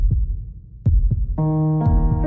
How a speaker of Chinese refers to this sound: 你有几耐冇好好听自己嘅心跳啦？